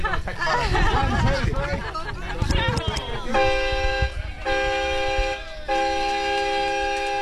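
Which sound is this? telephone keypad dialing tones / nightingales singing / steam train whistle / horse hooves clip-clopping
steam train whistle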